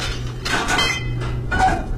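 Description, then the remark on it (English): Silverware clanks and clatters at dinner in a few quick, moderately loud bursts, with a faint ringing note and a steady low hum underneath. “And clanking of silverware.”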